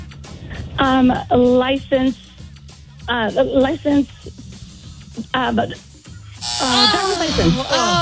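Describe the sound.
A quiz buzzer sounds in several short, harsh buzzing bursts during a trivia game, followed by excited, rising voices toward the end.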